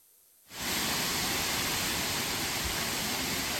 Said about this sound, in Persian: دره‌های کاپیسا سرسبز شدند، آب‌ها جاری‌اند و صدای خروشان رودخانه‌ها برای مردم افغانستان نشانی از سال نیکو و پرحاصل است.